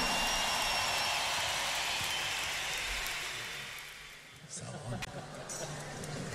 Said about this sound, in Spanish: ¡Esa! Fuerte el aplauso para Roberto Márquez, maestrazo.